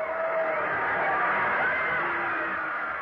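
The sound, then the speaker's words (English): A large football stadium crowd roars steadily for about three seconds during a game between Newton Center and Riverdale, a dense, loud wash of cheering and shouting voices blending into one continuous surge with no single speaker standing out. “Listen to that crowd.”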